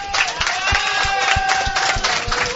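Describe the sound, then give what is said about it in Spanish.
A crowd applauds steadily, dense clapping mixed with sharp individual claps, while voices cheer and whoop above it throughout, loud and continuous, congratulating the under-13 players of Jomenetmen Montevideo, first-place champions of this edition of the Navasartián games, and their coach. “Felicitaciones, un aplauso.”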